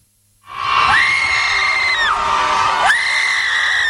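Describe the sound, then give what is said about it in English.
About 200 people gathered at Trammell Crow Park in Dallas, Texas, erupt into screaming all at once, a loud, sustained wall of voices outdoors with pitches swooping up and down and no pause for nearly four seconds. “For 20 minutes, about 200 people gathered at Trammell Crow Park and did something most of us are taught not to do in public. They screamed.”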